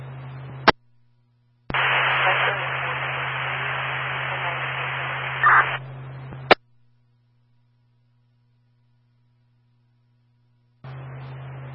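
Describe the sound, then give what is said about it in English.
A burst of harsh radio static hisses for about five seconds, opened and closed by sharp squelch clicks, over a low electrical hum, with quiet gaps before and after. “Lacking nothing but static.”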